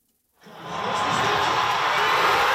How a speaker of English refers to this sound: At a watch party in Toronto, the crowd goes wild. Only one goal in the match between Canada and South Africa, but that's all it took to make history.